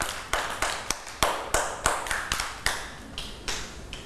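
Children clap their hands in a loose, uneven run of about a dozen sharp claps over a few seconds, close by and fairly loud, with no talking in between.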